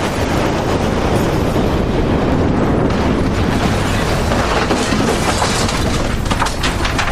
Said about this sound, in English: Crash! The tower fell to the ground. Luckily, no one was hurt.